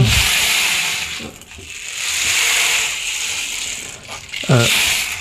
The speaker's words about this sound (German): Ja, es ist eigentlich ein Percussion-Instrument, das kann man auch kombinieren. Genau. Oh, wow. Klingt wie ein Regenmacher, so ähnlich ist es auch. Ne? Ja. Aber halt flächiger.